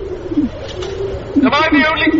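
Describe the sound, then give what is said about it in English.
Several pigeons coo in low, throaty, rolling tones that overlap one another, steady, with a brighter, voice-like warble rising briefly near the end. “What? Why are you cooing? You're all bloody cooing.”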